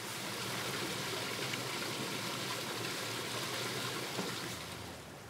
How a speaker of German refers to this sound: Aus großer Höhe rieselt die Sohle über die Schwarzdornäste herab. Dabei zerstäubt die Sohle an den Reisigspitzen.